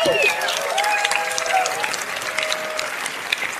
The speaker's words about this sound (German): So, das war's auch mit dieser Box. Da gibt's einen Applaus einfach schon mal.